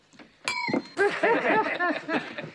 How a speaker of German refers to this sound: Wollen Sie bitte für mich ans Glas klopfen?